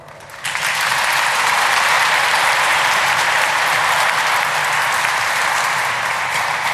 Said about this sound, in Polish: Myślę, że wielkie brawa.